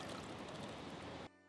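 Water is poured steadily into a shallow bird bath on a rooftop garden as it is refilled, a dense splashing rush that holds loud for over a second before cutting off abruptly.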